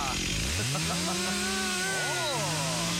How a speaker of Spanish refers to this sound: Le falta un poco de aceite a la cadena. ¡Qué bien que anda la motosierra, por Dios!